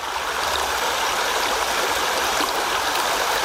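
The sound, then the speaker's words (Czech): Steady rushing of the Sázava river flowing over stones at its bank near Žďár, a continuous babble that stays even throughout with no voices. “Nakonec se vracím tam, kde jsem tenhle pořad Zaostřeno začal. Na břeh řeky Sázavy”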